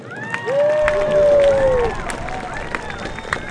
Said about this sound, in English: Thank you once again for your tremendous work here. Students, please give a huge round of applause to our faculty.